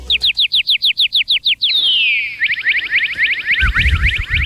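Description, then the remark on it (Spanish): A cardinal sings a loud series of repeated clear whistled notes, then a long sliding whistle followed by a fast run of rapid chips, with some low rumbling noise near the end. “Y viene la música, continuamos con la música, y este dice el pájaro cardenal.”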